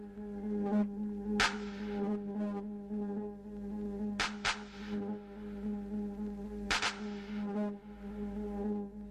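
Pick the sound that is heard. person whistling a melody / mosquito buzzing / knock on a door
mosquito buzzing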